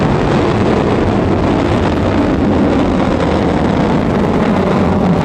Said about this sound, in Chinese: 1984年1月29日，新的长征3号火箭托举着东方红二号卫星开始发射。